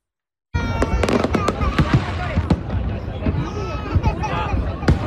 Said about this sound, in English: That's the Brooklyn Bridge in New York City. Multiple small fires set off plumes of smoke during a fireworks show there. The cause of the fire is still unclear, but it's just one of several mishaps this July 4th weekend.